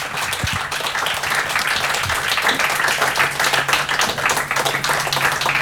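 Sustained applause from a large audience for the nominees at the Cankar Award ceremony, a dense, steady wash of many hands clapping at fairly even loudness for several seconds with no one speaking.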